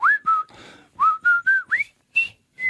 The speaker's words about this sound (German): Ja, das war doch das Pfeiflied schlechthin, oder?